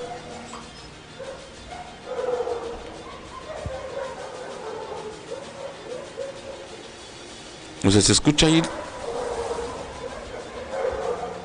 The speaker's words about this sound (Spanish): Los ladridos de los perros, imagínense, y se ve que está como de... Bueno, no me parece la hora en que fue grabado esto, pero se ve de noche y es una casa, es un domicilio particular, pero bueno, ahí está el tema.